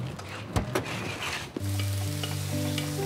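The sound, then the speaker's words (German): Onions sizzle steadily as they are seared in a hot pan while a utensil scrapes and stirs them, with a few sharp clacks early on; the frying stays fairly loud, no talking. “Nicht die ganze Zeit damit rühren. Wir wollen die Zwiebeln scharf anbraten.”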